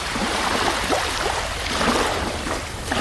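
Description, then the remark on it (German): A continuous, even rush of cars on a motorway heard from the Vitra Campus, a broad hiss that never lets up and could almost pass for surf. No voices are heard. “Im Hintergrund kann man sich dann vorstellen, das Rauschen der Autos von der Autobahn.”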